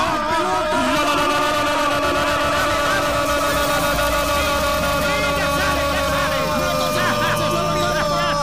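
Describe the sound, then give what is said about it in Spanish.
A car engine started during the Carrusel Deportivo radio show runs steadily throughout, its hum partly buried beneath a crowd of excited voices shouting and cheering. “La energía de Carrusel Deportivo ha movido un vehículo.”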